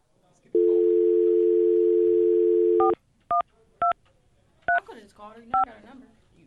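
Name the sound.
telephone keypad dialing tones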